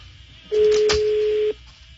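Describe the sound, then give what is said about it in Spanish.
A telephone rings with an incoming call to the show La Charlotina: one steady, mid-pitched electronic tone lasting about a second, a brief click in the middle, over a faint low background hum. No one speaks. “Se está sonando el teléfono.”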